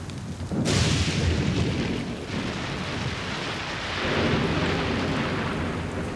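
A sudden, loud crack of thunder from a thunderstorm in the mountains breaks out and rolls on as a heavy rumble, swelling again toward the end, with a steady hiss like rain beneath it and no voices.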